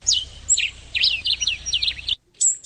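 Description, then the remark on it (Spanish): Rapid high-pitched chirps and tweets from five small birds, several quick bright calls in a lively sequence, clear, with a brief pause before a final chirp; no one speaks. “Ahí están los cinco pajaritos.”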